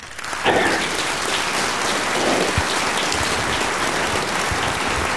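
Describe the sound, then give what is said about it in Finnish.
A crowd claps steadily, a dense, even burst of applause that swells in within the first half second and holds at a constant loudness for about five seconds, with no one talking. “Oikeinkin asialliset aplodit tähän väliin.”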